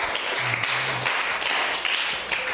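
An audience applauds steadily for a couple of seconds, a dense, close wash of many hands clapping at once with no voices on top.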